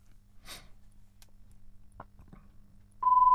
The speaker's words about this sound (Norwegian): Oi, sånn, her ringer alt.